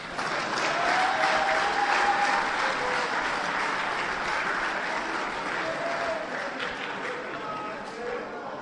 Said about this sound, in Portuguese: Batam palmas.